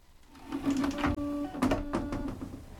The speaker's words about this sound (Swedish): Vi kan så här spruta vatten istället för att torka sig med papper. Så sprutar det vatten. Jag tycker det är en cool i alla fall. Det är en skrytsak.